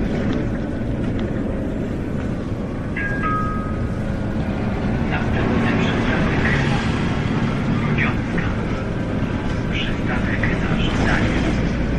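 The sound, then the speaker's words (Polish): An express city bus engine in Wrocław, Poland, drones steadily while driving, a loud, unbroken low rumble with faint high-pitched squeaks and whines flickering above it now and then. “Inna rzecz też, że głośniki mają taką barwę, że ginie ona również w hałasie silnika.”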